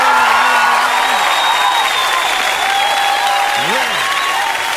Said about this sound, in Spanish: Oye, un aplauso.